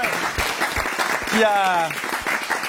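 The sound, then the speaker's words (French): A crowd applauds steadily, a dense crackle of many hands clapping throughout, with a single voice briefly calling out over it midway. “Ok, ouais, on applaudit”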